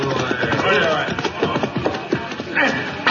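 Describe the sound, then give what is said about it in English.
The hooves of two riders' horses clip-clop in an uneven, steady patter as they ride up, over a dense murmur of crowd noise and voices. “There are those two hombres just riding up.”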